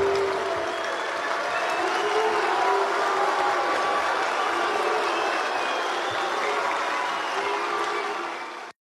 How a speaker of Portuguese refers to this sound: Resgatamos rapidamente a vaia de ontem e a diferença de recepção.